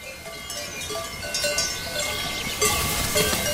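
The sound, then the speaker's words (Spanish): Cowbells clank and jingle irregularly from several cows grazing on high mountain pastures in the Jura, a steady overlapping metallic chiming over faint outdoor ambience, with no voices. “Solo ahora hace suficiente calor para que las vacas suban a estos altos pastos.”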